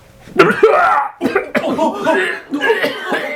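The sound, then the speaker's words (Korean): A loud fit of harsh, raspy coughing comes in three strained bursts from a person standing in a back row, who sinks down to the ground. Each burst is a cluster of rough hacks with a gravelly, voiced edge, with no talking between them. “뒷줄에 서 있는 한 사람이 심하게 기침을 하며 자리에 주저앉았다.”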